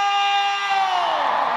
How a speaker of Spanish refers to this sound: ¡Qué bonito! ¡Y ese grito!